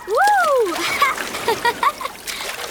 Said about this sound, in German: Oh, Achtung, da kommt die nächste Welle